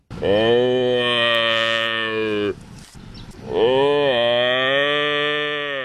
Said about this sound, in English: Yeah, sounds like a bit of a hyped up cow, doesn't it? It's actually a buffalo.